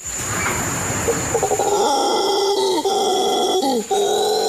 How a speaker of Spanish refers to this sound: El despertar diariamente con el sonido de los monos aulladores es la mejor motivación para el ambientalista José David Gamero para seguir cuidando y recorriendo el emblemático cerro de Colosina en el municipio de San Carlos,